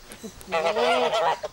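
Geese honk in a loud burst of overlapping nasal calls lasting about a second, with a brief fainter call just after, as they are greeted in Danish; a voice may be mixed in.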